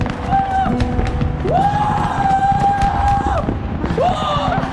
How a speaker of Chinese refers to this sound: 那边有个烟花厂，同事告诉我今天烟花释放，有很多款烟花是奥运会同款。